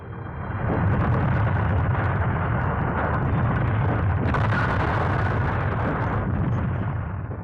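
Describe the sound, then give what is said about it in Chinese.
A loud explosion in a village blows up a Japanese soldier together with a straw man, erupting and rolling on as a heavy, deep rumbling roar for several seconds before trailing off, with no voices present. “一个鬼子上前端起刺刀就挑，这个鬼子和草人一块儿被炸飞了。”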